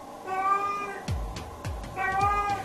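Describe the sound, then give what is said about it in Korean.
A pet cat named Nana meows again and again, loud drawn-out wails with strong harmonics, broken by a few soft thumps, and no one talking. “하지만 쉬지 않고 울어대는 나나 때문에 지쳐가는 집사.”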